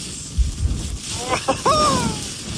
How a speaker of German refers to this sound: Aber allein, wenn ich diesen Wind höre, da könnte ich mir schon wieder die Jacke anziehen.